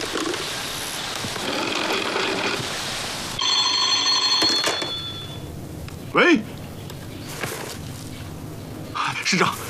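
A telephone bell rings in one short, shrill burst of about a second and a half over a rough, noisy background, followed by a brief sweeping whoosh.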